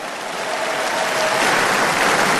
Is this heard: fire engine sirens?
no